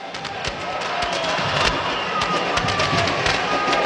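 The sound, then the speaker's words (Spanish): Fireworks explode during a Deportivo Táchira football match in a rapid, irregular string of sharp bangs and crackles over a constant roar of background noise, loud throughout. “Qué espectáculo las luces, ¿no? Le cuento. Araque. Fuegos artificiales.”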